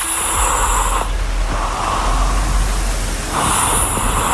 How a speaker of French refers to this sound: Alors, on va se le dire tout de suite, c'est un ronflement. Voilà.